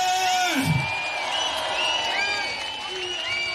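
A crowd applauds and cheers in a steady, dense wash of clapping, with shrill whistles and whoops rising above it throughout the few seconds.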